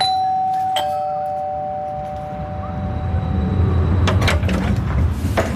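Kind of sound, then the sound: household object, doorbell ringing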